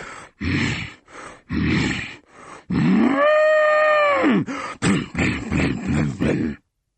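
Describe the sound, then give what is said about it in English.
While reciting a rhyme, a voice bellows like an angry bull charging about, with snorting, huffing bursts followed by one long, rising and falling moo-like roar, then more rough grunting snorts. “When the hungry sheep is full, I charge about like an angry bull.”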